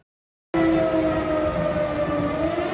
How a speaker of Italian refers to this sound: A Lublino e in tutta la Polonia orientale risuonano le sirene.